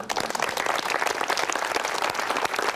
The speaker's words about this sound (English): So please, give yourself a little applause.